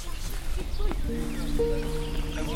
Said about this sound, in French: Ah ben elles sont là les oies. Elles sont en face. Elles sont posées juste en face derrière les arbres sur l'île. Je pense qu'elles ont leur nid juste là.